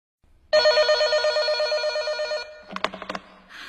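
A telephone rings loudly in one sustained, rapidly warbling burst lasting about two seconds, followed by a short cluster of sharp clicks and clatter, then near silence; an incoming call at almost 10 p.m.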